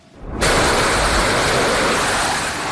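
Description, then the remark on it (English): Fighter jets take off one after another from the aircraft carrier USS Abraham Lincoln on overnight missions in the Gulf of Oman, near the Strait of Hormuz. Their engines burst into a loud, rushing roar that starts abruptly and holds steady as a dense, hissing wall of noise, with no voices. “One fighter jet after another takes off from the USS Abraham Lincoln.”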